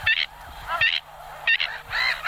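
Shrill, squeaky bird alarm calls burst out four times in quick, uneven succession, each loud, harsh and strongly harmonic, with brief gaps between them and no voices. This is the bird's most common call, an alarm or attention call given when it feels in danger.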